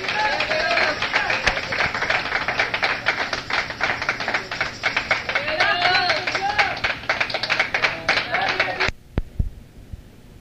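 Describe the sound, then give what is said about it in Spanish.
An audience at a church service bursts into sustained applause for God, dense rapid clapping lasting about nine seconds with voices cheering through it, then it cuts off abruptly into near silence. “Bueno, pues otro aplauso a nuestro Rey, hermanos.”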